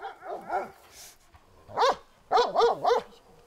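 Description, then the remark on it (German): Livestock guardian dogs bark in short, high-pitched bursts: a quick cluster of yelps, a pause, a single bark, then three rhythmic barks in a row, fairly loud with no talking. “Die Albrechts waren mit ihren Herdenschutzhunden Pioniere in Deutschland. Jetzt aber auf zum Hundenachwuchs.”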